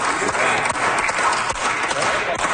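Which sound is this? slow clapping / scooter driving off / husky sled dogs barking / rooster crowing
slow clapping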